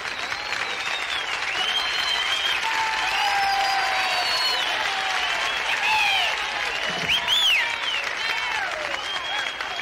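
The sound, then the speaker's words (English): A live show audience applauds steadily for about ten seconds, a dense, even wash of clapping with scattered whistles and cheers rising above it, no voices speaking. “Don't applaud, no money.”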